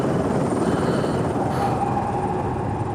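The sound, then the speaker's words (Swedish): A helicopter circles over a country estate with a castle-like building in the wilderness, its rotor and engine noise loud and continuous throughout, with no voices. “Helikoptern cirklade över godset.”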